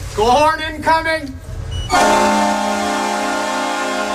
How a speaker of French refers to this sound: C'est la dernière saison pour entendre cette sirène de but au Saddle Dome de Calgary. Après 44 ans de bons et loyaux services, l'équipe de hockey des Flames de la ville déménagera de l'autre côté de la rue pour rejoindre la future place Scotia